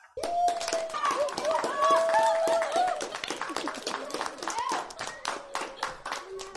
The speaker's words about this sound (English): Well done. I just clapped for you as well.